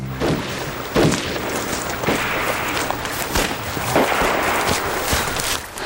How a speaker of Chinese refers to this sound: 叔，这枪炮声一会儿村里一会儿村西的，到底啥情况啊？